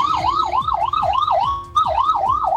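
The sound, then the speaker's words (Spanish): A fire engine's siren wails in fast, repeating rising-and-falling sweeps, loud with harmonics above, briefly steadying before the rapid warble resumes as firefighters speed past at high speed, just arriving at the scene. “Hago un silencio porque está pasando personal de bomberos a alta velocidad, llegando recién al lugar, dada la dificultad de tránsito, de desplazamiento que han tenido en toda esta jornada.”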